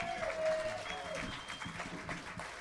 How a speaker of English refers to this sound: Please, once again, a round of applause for Joe LeMay and Sherry Reese and their guests.